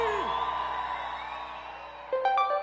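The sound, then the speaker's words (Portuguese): A loud, excited shout rings out and holds for a couple of seconds, with a pitch swoop at the start and a fresh burst of yelling right near the end. “emoção, dá um grito aí!”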